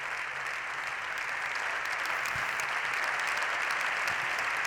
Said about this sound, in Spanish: El líder del PP, que recibe el aplauso en pie de los diputados y diputadas de su partido.